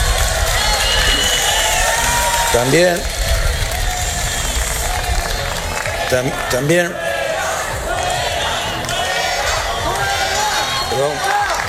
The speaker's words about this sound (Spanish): Son los abucheos a la ministra de Seguridad Social y de Inmigraciones, la señora Alma Saiz, que ayer se encontraba en Melilla con motivo del Día de Melilla.